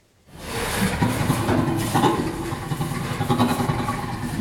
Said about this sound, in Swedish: Ja, så här låter en av 140 ljudfiler som forskare har analyserat. Det rör sig alltså om inspelningar med skratt från 4 orangutanger, 2 gorillor, 3 bonobo-apor, 4 schimpanser och så 4 människor mellan 6 månader och 7 år gamla.